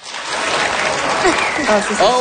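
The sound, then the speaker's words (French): An audience claps steadily in a dense, sustained burst of applause, voting by applause on who would like to be able to hibernate from September to June, with a few voices calling out and whooping over the clapping toward the end. “Alors, par applaudissement, qui aimerait ici pouvoir hiberner de septembre à juin?”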